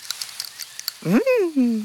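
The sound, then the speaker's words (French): A squirrel on a tree branch bites into a pine cone and crunches it to eat the seeds, a quick series of dry, crisp bites, then a voice starts speaking and covers the rest. “Il la croque pour manger les graines.”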